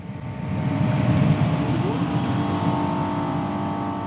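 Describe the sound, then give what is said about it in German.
A constant low hum from a large battery storage plant of 28 shipping-container-sized batteries in Gurtnellen, canton of Uri, Switzerland, beside the motorway towards the Gotthard, a steady mechanical drone with a thin high whine on top, holding even from start to finish with no voices. “Wäre da nicht dieses leise, konstante Brummen?”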